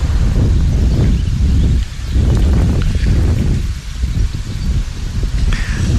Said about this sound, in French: Non, bouge pas, il y a du vent.